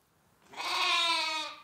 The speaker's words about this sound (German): Wo Lämmer blöken, da sind auch ihre Mütter nicht weit. Und wo Schafe mit Lämmern sind, ist Milch.